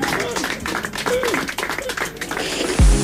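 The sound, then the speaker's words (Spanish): Steady audience applause for Reinaldo Sietecase, a dense wash of many hands clapping, with voices calling out over it and a low thump near the end. “Aplauso. Explote.”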